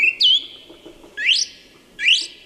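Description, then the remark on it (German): A song thrush sings clear, bright phrases: three distinct bursts of rising, whistled notes with short pauses between, loud over a soft rustling background, with no voices. “der Singdrossel ein DJ-Gedächtnis. Denn in ihrem Leben lernt Letztere mehr als 100 Lieder und kann andere Vögel genauso wie ein Telefonklingeln imitieren.”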